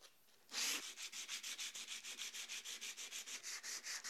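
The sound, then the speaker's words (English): Coarse 60-grit sandpaper rasps back and forth by hand across wood to strip it, in quick, steady strokes, a gritty scratching that repeats roughly four times a second after one longer opening stroke. “So 60 grit is a really good choice to start stripping this wood.”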